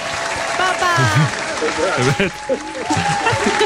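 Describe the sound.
An audience claps in a dense, steady wash of applause for two participants that fills the whole stretch, while voices speak and call out over it.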